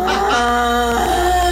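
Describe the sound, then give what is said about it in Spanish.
A person imitates a goat's bleat: one loud, sustained, nasal call held for about a second and a half, with no other talking. “El de la cabra.”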